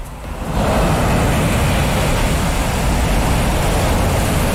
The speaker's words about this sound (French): Et quelques vagues de Puerto Angel sur la côte pacifique.